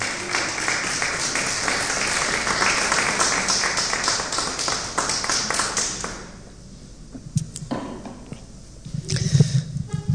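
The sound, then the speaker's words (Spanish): Loud, dense applause from a crowd for the Lord fills the first six seconds, then quickly dies away, leaving a few scattered claps and a low murmur at the end. “Denle por favor un aplauso fuerte al Señor.”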